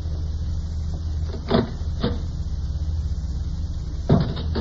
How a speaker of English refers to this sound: We'll see who it is. Just open that door a crack.